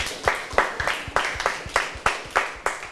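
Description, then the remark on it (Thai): Steady rhythmic hand clapping for a friend, about ten sharp claps spaced evenly at a moderate pace, clear with no talking over it. “ปรบมือให้กับเพื่อนหน่อย”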